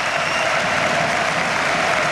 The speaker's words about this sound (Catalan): Sí, sí, la gent ovacionant el seu equip.